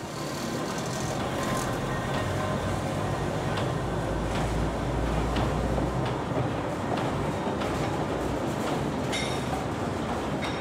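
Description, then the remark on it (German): A mountain railway train rumbles steadily along the tracks in 3000-metre-high mountains, with a low continuous roar and faint rhythmic clatter of wheels, fairly loud throughout, no voices. “Und noch immer sind die Züge mit Maschinenteilen für Kraftwerke einer der Hauptzwecke der Gebirgsbahn.”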